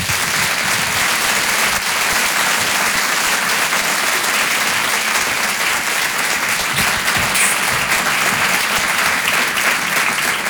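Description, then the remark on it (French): A large audience applauds steadily as comedian Marina Rollman is introduced at a Rire et Chanson comedy show. The clapping is a dense, continuous wash that stays loud and even for about ten seconds, with no voices standing out. “Je vous demande d'applaudir, s'il vous plaît, Marina Rollman.”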